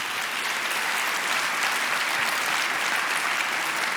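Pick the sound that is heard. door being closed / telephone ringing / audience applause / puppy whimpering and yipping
audience applause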